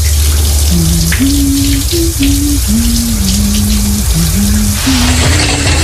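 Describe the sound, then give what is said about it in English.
Shower water runs in a steady, loud hiss of spray that never lets up, with a low wavering tone drifting beneath it. “I said you have 5 minutes to shower.”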